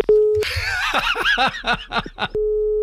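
A steady, continuous telephone dial tone after a call is hung up plays alone, cut off briefly by a burst of rhythmic laughter, then returns unchanged at the end, clear and fairly loud.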